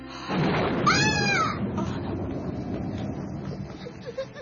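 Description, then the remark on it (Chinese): A deep, sustained rumble of thunder rolls on for several seconds after a sudden onset, with a brief, high, wavering cry rising over it near the start. “傻仔啊，使咩惊咧？行雷啫嘛。”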